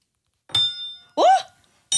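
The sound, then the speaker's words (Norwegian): A spoon hanging on a string, its thread wound around the index fingers pushed deep into the ears, knocks against a table with a bright metallic clink that rings out briefly. A short vocal exclamation follows, then a second strike cuts in at the end. “og så klinker du skjea. Ja, klinker jeg nå.”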